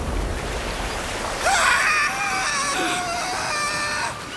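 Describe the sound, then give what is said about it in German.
A shrill, piercing scream with strong high harmonics erupts after a quiet start, breaking the silence at first dawn, holding for about two and a half seconds before cutting off. “Ein spitzer Schrei durchschnitt die Stille der vorsichtigen ersten Dämmerung.”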